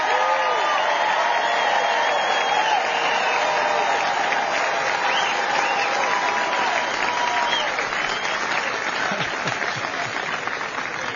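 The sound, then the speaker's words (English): A large audience applauds the Texas Army National Guard soldiers who served on the southern border, steadily for about eleven seconds, a dense, even wash of clapping with faint crowd voices and a few scattered cheers mixed in, holding loud throughout. “And let's give a huge round of applause for the Texas Army National Guard soldiers who answered that call, stood the line on the southern border.”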